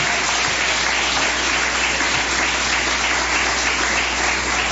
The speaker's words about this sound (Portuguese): Vamos receber o servo de Deus com palmas bem forte, bem alegre para Jesus.